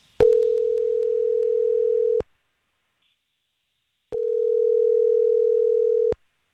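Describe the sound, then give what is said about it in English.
An outgoing phone call ringing on the line: two long, steady electronic ring tones, each about two seconds, separated by a pause of silence. Clear, with no voices. “You ready to make this phone call?”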